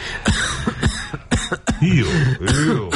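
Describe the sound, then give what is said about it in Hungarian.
A series of harsh coughs comes in quick uneven bursts, some with a rasping, throaty edge, loud and dry, with no one speaking. “Ó, köhögni.”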